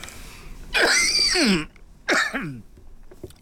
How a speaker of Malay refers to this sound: Batuk keh-keh ni pun ke lama lah ni.